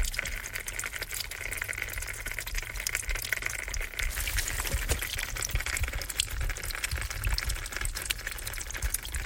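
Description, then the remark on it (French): Spring water trickles and splashes steadily onto dead leaves, a continuous patter with scattered sharper drips throughout and no voices. “Source qui tombe sur feuille morte.”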